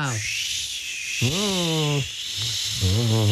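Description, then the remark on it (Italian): A voice imitates cold wind, which comes whenever legends of the northern countries are told, giving three long howling 'whooo' tones that swoop up and down in pitch over a steady breathy hiss, fairly loud throughout. “Sentite il vento? Arriva sempre quando raccontiamo le leggende dei paesi del nord.”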